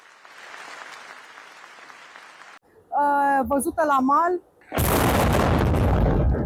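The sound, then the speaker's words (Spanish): A reporter is talking live over steady background noise when a naval drone explodes in the Romanian port of Constanța, a loud explosion suddenly erupting, its heavy roar and rumble sustaining for the rest of the moment. “La explosión, esa explosión de un dron naval en el puerto rumano de Constanza ha sorprendido a esta reportera en pleno directo.”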